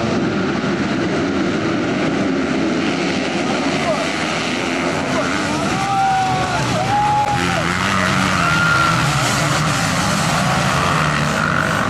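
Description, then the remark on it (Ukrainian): Motocross motorcycles roar around a track during a race heat, their engines whining steadily and loudly throughout, with a few sharp revs rising and falling in pitch as bikes pass by. “Під час заїзду один із учасників впав з мотоцикла.”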